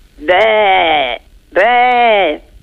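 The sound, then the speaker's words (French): A person imitates a sheep, giving two drawn-out, wavering bleats, each lasting about a second with a short pause between them. “Et le mouton?”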